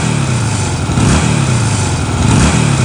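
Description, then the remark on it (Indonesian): A new custom motorcycle's engine revs loudly, its throttle rising and falling in steady surges over a constant rumbling idle, with no voices present. “Hei, motor baru nih bos, custom lagi.”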